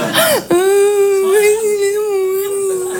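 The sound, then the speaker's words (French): A voice imitates a crying whimper: a short rising-falling sob, then one long, sustained high-pitched wavering whine, fairly loud, with no words spoken. “Et puis nous, les filles, quand on pleure, on a envie de dire plein de choses, mais on n'y arrive pas.”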